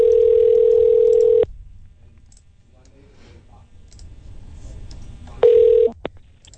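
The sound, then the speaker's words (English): A loud, steady telephone dial tone hums for over a second as a radio station, the Eagle 93.5, phones a listener to pick a contest winner, then cuts off; a quiet stretch with faint clicks follows before a brief tone burst and a sharp click near the end. “Let's get to the phone lines.”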